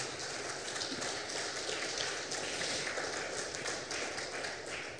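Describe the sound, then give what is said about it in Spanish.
An audience applauds in praise of the Lord, a dense, steady roar of many hands clapping that holds at an even, loud level for about five seconds, with no voices over it. “Otro aplauso fuerte al Señor, por favor.”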